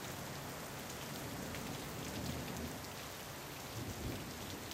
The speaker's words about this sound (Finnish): Jos lumi muuttaa akustiikkaa, niin muuttaa sadekin. Jokainen sade kuulostaa erilaiselta.